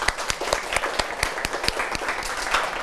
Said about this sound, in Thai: ดีมากเลยครับปรบมือให้เพื่อนครับนักเรียน